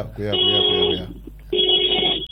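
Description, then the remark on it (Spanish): An alarm rings in two loud, steady electronic bursts of just under a second each, separated by a short pause, with a shrill high tone over a lower hum and voices murmuring underneath. “Cuidado. Una alarma.”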